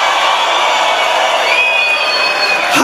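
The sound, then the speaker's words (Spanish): A church audience roars with shouts and cheers of victory during a Spanish-language sermon, a dense, loud, unbroken wall of voices for about three seconds, with a few high whistling tones rising above the din midway through. “Señor, no es alguien de un grito de victoria.”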